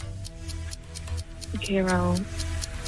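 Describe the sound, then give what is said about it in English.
A quiz countdown clock ticks steadily and quickly during a timed round of questions, each tick crisp and evenly spaced, while a voice briefly speaks over it partway through. “All right, stop the clock.”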